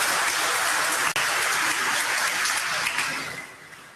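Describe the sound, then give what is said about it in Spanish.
A Catholic audience applauds God steadily, a dense wash of many hands clapping at once with a brief break partway through, then slowly fading toward the end. “Un aplauso a Dios por ese gran amor que tiene por nosotros.”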